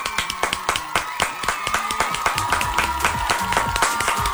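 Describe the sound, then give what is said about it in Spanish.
A group of people clapping steadily, a dense run of sharp hand claps that keeps going without pause for several seconds. “Un minuto de aplausos, por favor, un minuto de aplausos.”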